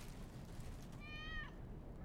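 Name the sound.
kitten meowing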